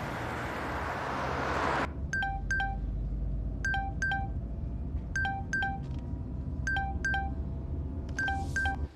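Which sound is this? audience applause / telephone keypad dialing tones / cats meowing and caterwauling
telephone keypad dialing tones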